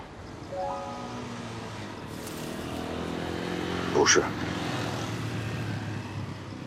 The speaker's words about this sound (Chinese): 一看都不看一眼，光听声音就知道不是。他骑着摩托车作案，倒是跑得快。